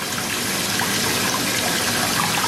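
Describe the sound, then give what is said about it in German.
Water gushes steadily into a bathtub at home, run for a bath with homemade bath salt, a dense, even hiss and splash with no breaks, loud, with no one speaking. “Das ist für mich jetzt gerade ganz ungewohnt, weil jetzt ist keine Färbung so im Wasser.”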